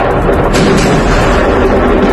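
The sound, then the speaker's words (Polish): Loud, dense rumbling roar of a series of large explosions near Salina Bay on an island, before 7 a.m. local time, recorded on video, with sharper blasts bursting out near the start over a continuous heavy low-end thunder that fills the whole recording. No voices. “Wybuchy zarejestrowano także na nagraniach wideo.”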